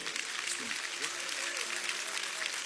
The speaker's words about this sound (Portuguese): Assim oramos, crendo e sabendo que o Senhor já o fez, em nome de Jesus. Vamos receber o aplauso para Cristo.